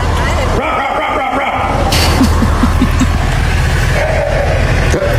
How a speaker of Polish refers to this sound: I to odszczeknięcie to nie był piesek, tylko to właśnie była żaba, więc ja na początku myślałam, że to są jakieś jaja, ale okazuje się, że nie.